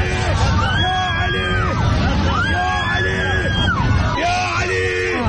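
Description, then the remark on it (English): A crowd of passengers screams and shrieks together in an aircraft cabin as the plane hits a bump and overhead compartments come down, loud overlapping high-pitched wails rising and falling in several waves over a constant rumbling background. “The screaming helps.”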